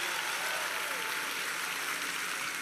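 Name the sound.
audience applause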